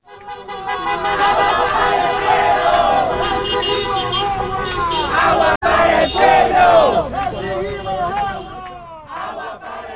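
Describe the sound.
A loud protest crowd shouts and chants "Water for the people" while car horns honk in support over and through the voices, a dense, continuous din that briefly cuts out for an instant midway before resuming.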